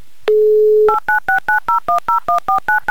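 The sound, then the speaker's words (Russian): A phone line's steady dial tone gives way to a quick run of about ten touch-tone keypad beeps as a phone number is redialed, each short two-note tone evenly spaced, loud. “наберем номер телефона Елены повторно еще раз”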